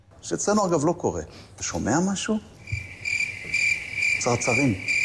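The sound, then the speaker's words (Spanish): Steady crickets chirp in a continuous high trill that runs through the second half, while a man's voice talks over the start and again near the end; Israeli Foreign Minister Gideon Saar used the crickets to mock Pedro Sánchez over the Spanish government's silence. “En este caso, atacaba a Pedro Sánchez con esos grillos que acaban de escuchar en referencia al silencio del gobierno español tras lo ocurrido.”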